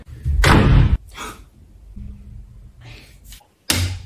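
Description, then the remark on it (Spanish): A door slams shut with a loud bang, then after a few seconds of low background noise another heavy slam hits just as hard. No one speaks. “¿Y ese portazo?”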